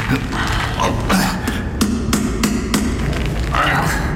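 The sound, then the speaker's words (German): A hammer drives a chisel against a jammed safe door in a string of about seven sharp, ringing strikes at an uneven pace, each crack loud and crisp over a low, steady background rumble. “Wie gut, dass ich Hammer und Meißel dabei habe.”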